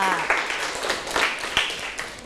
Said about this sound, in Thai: โอ้โหเยี่ยมมากเลยค่ะปรบมือให้เพื่อนค่ะ